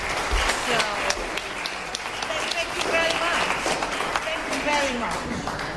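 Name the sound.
audience applause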